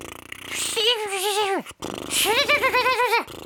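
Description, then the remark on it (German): Two buzzy voiced lip trills made with loose lips while the cheeks are wobbled with the hands, air blown through the flapping lips. The first wavers and dips at its end; the second rises and wobbles in pitch before cutting off. “Also die Lippen mal locker lassen. So. Und dann mit den Händen noch an den Backen so wackeln, damit es noch locker.”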